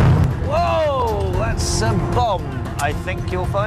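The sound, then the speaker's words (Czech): A reenacted attack on a historic Ottoman train in Jordan, staged for tourist groups and recorded by a BBC television team: deep, rumbling explosions roll on continuously beneath loud, wavering shouts and cries from several voices, with a sharp hissing burst partway through as the chaotic battle noise carries on. “Na to jsou náležitě hrdí v Jordánsku, kde útoky na historický osmanský vlak pravidelně rekonstruují pro skupiny turistů. Jak reálně to zní, před časem zachytil například tým britské televize BBC.”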